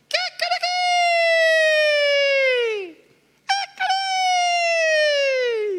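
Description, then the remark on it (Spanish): A rooster crows twice, each call opening with a few choppy notes before a long, loud, strained cry that slides downward in pitch at the end. No voices are present. “El Señor le dijo, antes que cante el gallo, ya tres veces me vas a negar.”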